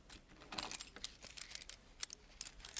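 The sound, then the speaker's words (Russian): Keys jangle and clink in a quick, irregular flurry of small metallic clicks, fairly quiet, continuing for a few seconds with no voices, as keys are taken out to open a safe. “А теперь вы достанете ключи, откроете сейф.”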